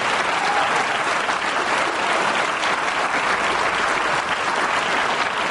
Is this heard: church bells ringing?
no